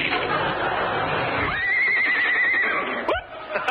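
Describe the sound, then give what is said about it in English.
A horse lets out a loud, wavering whinny lasting about a second, rising and trembling before trailing off, with a noisy rustle before it and a sharp snort at the end. “I'll just write you a check on the side of this horse.”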